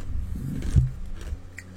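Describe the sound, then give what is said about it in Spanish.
Someone chews ice, producing a few irregular crunching bites with a brief grinding scrape in between, and no talking, heard on Radio La 96.7 FM, Ciudad Acuña, Coahuila, Mexico. “Me agarra masticando hielo.”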